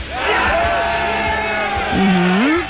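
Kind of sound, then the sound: crowd, crowd cheering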